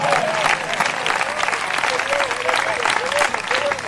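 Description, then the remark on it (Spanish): An audience applauds the Lord loudly and steadily for several seconds, dense clapping with voices calling out over the applause. “Dele fuerte ese aplauso hacia para él.”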